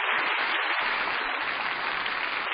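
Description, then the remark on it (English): Steady applause from an audience, a dense, even wash of many hands clapping at once, holding at a constant loudness for a couple of seconds with no voices. “That applause says it all.”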